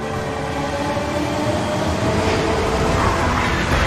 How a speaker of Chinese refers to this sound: 在京张高铁上奔腾的复兴号动车组，安装有中国自主研发的北斗卫星导航系统，列车得以平稳准时地穿越高寒、风沙、山体等复杂地质，在世界上首次实现了时速350公里的自动驾驶